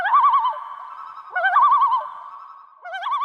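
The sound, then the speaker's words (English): A common loon, met at a campsite in Alberta, gives a wavering, yodel-like call three times in clear, loud phrases with brief pauses between, each rising into a tremolo warble, with no voices present. “Don Gibson's interaction with a loon while camping with his family in Alberta earned him the nickname the Bird Whisperer.”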